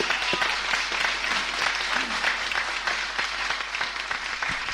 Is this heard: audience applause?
yes